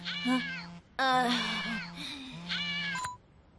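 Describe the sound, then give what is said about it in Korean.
A cat meows three times in a row, drawn-out, pleading calls, the middle one longest, with a short pause between each and no talking. “저렇게 막강한 귀요미 고양이를 어떻게 이기냐고!”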